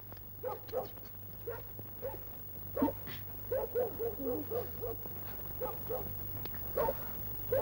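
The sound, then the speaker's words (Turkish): A small dog barks and yips over and over in quick, uneven bursts, moderately loud, with a steady low hum running underneath and no voices. “Bu köpek ne havlayıp duruyor be?”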